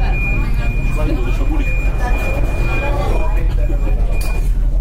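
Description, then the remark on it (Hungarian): Inside a crowded metro car sitting at a platform shortly before the doors close: a steady low engine rumble and a thin constant whine, with muffled chatter from passengers running underneath throughout. “Ez nyilvánvalóan azt mutatja, hogy túlságosan sűrű metró nem utazhatnak, mindjárt zárni fogják az ajtót.”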